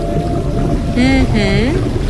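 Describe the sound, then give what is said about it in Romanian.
A blue whale's drawn-out, moaning calls, two gliding tonal cries with rising and falling pitch, rise above a steady hiss of underwater noise, clear. “O balenă era, da? Sunetul scos de o balenă albastră, chiar.”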